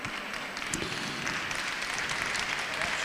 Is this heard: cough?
no